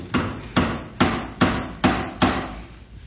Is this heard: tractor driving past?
no